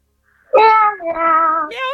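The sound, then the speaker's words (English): A person imitates a cat with two drawn-out meows, one right after the other, loud, with a bright, tonal voice that rises at the end. “Meow, meow.”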